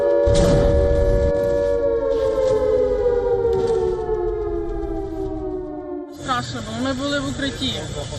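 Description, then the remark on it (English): A loud air raid siren wails at night in Kyiv during a missile and drone attack, in a long, slowly falling tone, its harmonics sliding downward before a voice begins speaking over the fading drone near the end. “Buildings are damaged, emergency crews race through the capital as air raid sirens cut through the night.”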